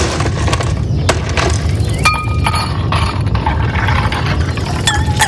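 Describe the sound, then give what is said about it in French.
Ice cubes clink against glass on a hot day in a quick, irregular run of sharp little taps, over a steady low rumble of background noise. “juste avant, j'avais oublié qu'il y avait des glaçons qui s'invitaient.”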